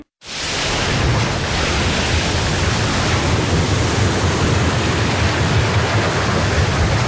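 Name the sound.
ocean waves crashing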